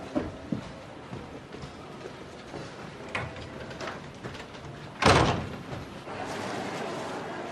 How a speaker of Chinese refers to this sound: 关门